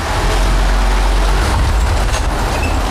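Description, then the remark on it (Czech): A car drives down the main inclined adit into an underground mine, heading to its third level, at Zlaté Hory. Its engine and tires make a loud, steady low rumble with a broad roaring wash of road noise, continuous, with no voices. “To budeme autem sjíždět do podzemí.”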